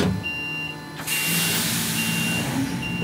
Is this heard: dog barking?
no